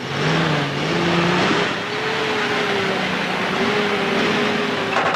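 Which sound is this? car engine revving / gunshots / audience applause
car engine revving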